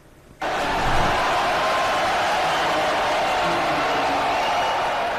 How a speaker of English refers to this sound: England fans are cheering on captain Harry Kane, who scored twice in the team's 2026 World Cup debut. They beat Croatia 4-2 in Arlington, Texas.